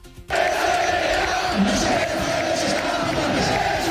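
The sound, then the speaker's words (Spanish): A large crowd of Rayo fans in the stands at Vallecas roars and shouts together in a sustained, loud wall of angry protest chants against the Rayo president. The chanting starts abruptly and holds steady without letting up. “Gritos contra el presidente del Rayo, fue el grito más repetido en la grada.”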